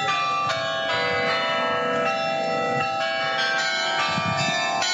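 The 44-bell carillon of the old town hall, which now houses the city's History Museum, rings out on the hour, dense overlapping tones sustaining throughout with fresh strikes every half second or so, loud and continuous, with faint street noise underneath.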